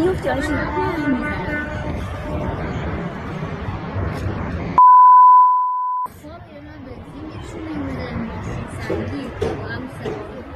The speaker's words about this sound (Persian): یه تصویر دیگه از استان البرز به ایران اینترنشنال رسیده، در اون شماری از راننده ها در یک پمپ بنزین در فردیس با بوق زدن اعتراض میکنن. چقدر زیاده، ماشینا رو زوم نمیکنه.